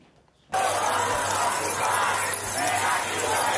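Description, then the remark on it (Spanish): A crowd at a mass farewell march for Mari Carmen Abascal jingles many keys in the air at once, a dense, bright metallic shimmer that starts abruptly and continues steadily without any voices. “Con el tintineo de las llaves en el aire y en la cabecera con una corona de flores junto a una foto de Mari Carmen.”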